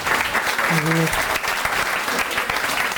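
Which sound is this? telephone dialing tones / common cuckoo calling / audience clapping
audience clapping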